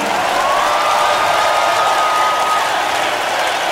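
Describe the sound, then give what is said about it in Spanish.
Loud, steady audience applause for a music quartet fills the whole recording, a dense wash of many hands clapping at once, with a faint whistle drifting above the crowd. “Fuerte el aplauso”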